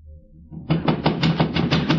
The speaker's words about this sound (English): Then, as the door pounding persisted, she slipped on a light negligee and went to the door.